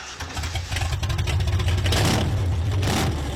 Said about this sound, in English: But unlike most working bull chasers, Thornton and River have installed a shiny new V8 engine in theirs.